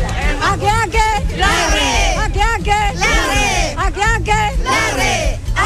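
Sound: crowd shouting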